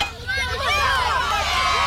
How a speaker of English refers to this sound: The crowd went wild.